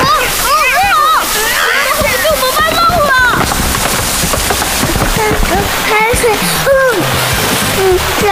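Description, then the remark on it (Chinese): Seawater rushes and splashes in at a fossil site, steadily and loudly throughout, a dense surging wash, while voices cry out in short startled exclamations over it. “海水，原来这里以前通着大海。”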